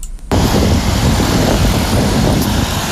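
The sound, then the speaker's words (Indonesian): A loud, steady wash of road traffic rushes in after a brief quiet moment, with engines rumbling continuously and no voices, at the Simpang DPRD intersection of South Sumatra Province in Palembang, where traffic flows smoothly in both directions. “Kami melaporkan kondisi lalu lintas dari simpang DPRD Provinsi Sumatera Selatan.”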